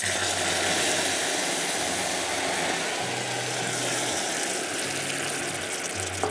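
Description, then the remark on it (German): A loud, steady sizzling hiss of liquid hitting a hot pan, with caramel deglazed by red wine and steaming hard, over a low droning hum that pulses on and off. “Jetzt lösche ich das ab. Vorsicht, das dampft sehr stark.”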